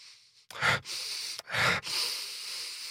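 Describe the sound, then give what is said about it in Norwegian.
Two loud, forceful breaths pushed out through the nose while sniffing a smell, about a second apart, with a soft breathy hiss continuing around them and no talking. “Men du puster mer ut”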